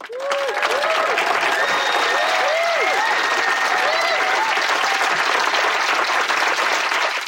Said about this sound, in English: And a round of applause for poor Rob Johnston and all the things he has to do to make me sound competent.